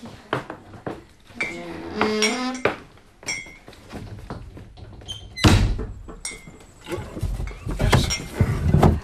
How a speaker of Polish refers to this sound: Poczekaj. Ja ci przytrzymam ci drzwi, dobrze?